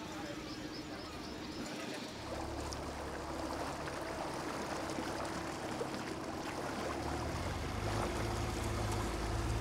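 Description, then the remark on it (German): The harbourmaster's inflatable boat on a morning inspection round of the harbour at Waren on the Müritz: its motor drones steadily at a low pitch over continuous splashing, rushing water, the engine note rising and thickening after the first couple of seconds and holding for the rest. “Vom E-Roller in das Hafenmeister-Schlauchboot.”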